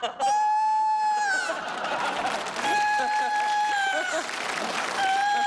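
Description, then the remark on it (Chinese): A rooster crows in three long, steady, high-pitched calls, each held for over a second with brief pauses between, while people talk and murmur underneath. “这咋还打鸣呢？”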